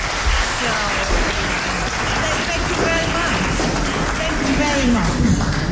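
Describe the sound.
An audience applauds steadily throughout, a dense, even crackle of many hands clapping at a constant loudness, with faint voices mixed in underneath.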